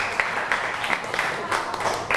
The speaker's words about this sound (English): Very good. Clap your hand for group 5 again. Good job.